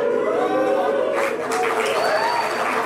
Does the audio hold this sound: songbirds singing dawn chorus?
no